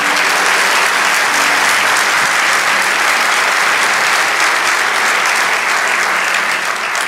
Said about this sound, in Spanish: Lo cuarto, vamos, dale ese aplauso.